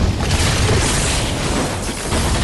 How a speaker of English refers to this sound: the dragon chomps her and explodes into streamers of sparks. The streamers smash the educational decrees.